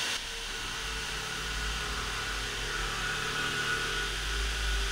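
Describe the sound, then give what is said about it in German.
A steady, continuous drilling noise, a loud mechanical whir with a low droning hum beneath and a faint higher whine, running unbroken for the whole stretch with no one speaking. “Weißt du, also wenn hier jetzt gebohrt wird, dann kann ich nicht weiterreden.”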